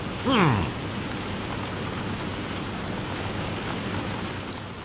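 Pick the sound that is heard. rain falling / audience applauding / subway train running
rain falling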